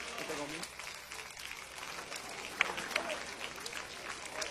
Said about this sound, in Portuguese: Já vamos receber o servo de Deus com palmas bem forte, bem alegre para Jesus.